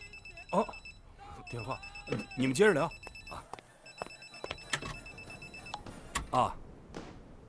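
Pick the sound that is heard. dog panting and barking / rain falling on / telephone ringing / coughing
telephone ringing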